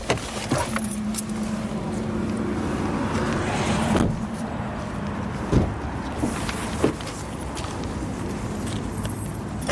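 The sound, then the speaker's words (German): Car sounds: a steady low hum with sharp clicks and thumps of door handles and doors, plus a brief jangle of keys, as people climb out of a stationary car. “Mir ist zu heiß im Auto, ich habe Hunger. Ja, können aussteigen.”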